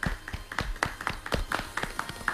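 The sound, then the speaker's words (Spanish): A few people clap together in a brisk, uneven patter of sharp hand claps, moderately loud, with no voices over the applause. “Aplausos para mes.”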